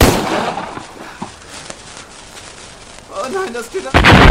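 dynamite explosion

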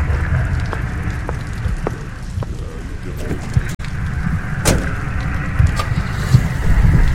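car slowly driving away

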